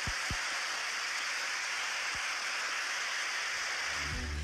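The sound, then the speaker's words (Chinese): Dense, sustained applause from a large crowd at the launch site after the Long March 7 rocket launch of the Tianzhou-10 cargo spacecraft was declared a success: a steady hiss-like wash of clapping that holds at an even level throughout, with a few low thumps and no clear voices. “现场的掌声真的持续了很久哈、大家都非常的激动。”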